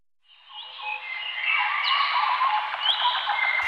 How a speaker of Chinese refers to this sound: 鸟鸣，溪流，森林，草原，大海。